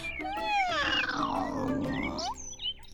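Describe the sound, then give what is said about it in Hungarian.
A person voices a long, drawn-out mocking cat meow, the pitch sliding up then gliding down in one continuous wail lasting over two seconds, fairly loud. “Majd nyávogott egyet hosszan és gúnyosan. Tudjátok így.”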